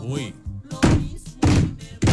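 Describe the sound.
After a short bit of speech, three heavy, dull knocks land on the gate of a house at a steady, deliberate pace, each one loud with a brief thudding resonance.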